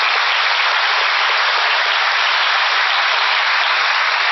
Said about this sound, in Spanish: Gracias. Un aplauso para el artista.